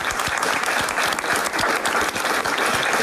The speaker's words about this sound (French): C'est le public flémallois. Vous pouvez vous applaudir et faire la fête, les amis, on vous écoute.